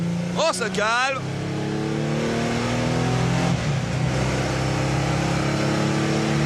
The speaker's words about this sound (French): Ah, franchement, je la conduis avec des pincettes, l'auto. Wouhou! Là, je suis arrivé, les quatre roues bloquées quand même. Faut vraiment faire attention.